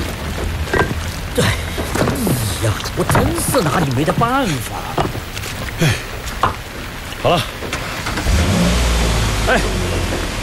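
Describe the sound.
A car engine revs and strains in bursts as the car is stuck in a mud pit on a mountain road, rising to a heavy, sustained low roar near the end, with people talking and calling out over it.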